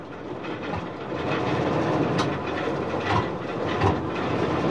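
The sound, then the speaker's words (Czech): A small car engine rumbles and chugs, bubbling and sputtering unevenly at first, then settling into a fairly regular, continuous mechanical running with occasional clanks and no voices. “Nejdřív jen tak bublalo a prskalo, ale za chvíli už běžel motor docela pravidelně.”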